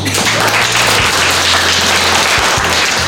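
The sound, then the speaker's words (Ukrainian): A hall full of students applauding loudly and continuously to drown out a drone pilot's commands, acting as electronic jamming, a dense wash of clapping that stays steady for the whole few seconds, with a faint low hum underneath. “Студенти гучно аплодують і таким чином заглушають команди пілота своєму дрону.”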